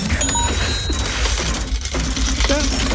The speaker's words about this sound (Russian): После сигнала сигнал будет звучать вот так, внимание.